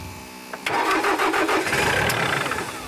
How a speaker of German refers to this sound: Also der Trecker, der geht immer wieder aus. Erweck ihn zum Leben.